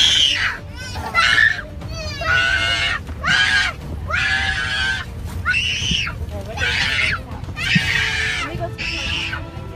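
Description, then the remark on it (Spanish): A little boy cries and screams at the top of his lungs in repeated loud, high-pitched wailing bursts, one after another, over a steady low rumble of an airplane cabin on a flight from Germany to New Jersey. “Este pequeñito comenzó a llorar a todo pulmón en un vuelo desde Alemania a Nueva Jersey.”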